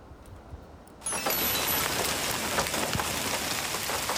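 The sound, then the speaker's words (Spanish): Heavy rain from a thunderstorm in Catalonia pours down in a dense, steady hiss that swells in abruptly after a quieter first second, then keeps drumming loudly and evenly with no voices present; the storms bring wind gusts over 90 km/h and large hail. “Las fuertes tormentas van acompañadas de rachas de viento que pueden superar los 90 kilómetros hora y granizo de gran tamaño.”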